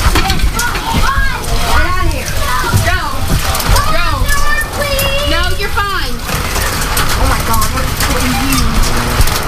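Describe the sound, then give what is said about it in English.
Steady, dense pattering of dime-sized hail falling throughout, loud, with excited voices, including children's, talking over it. “Dime-sized hail, too.”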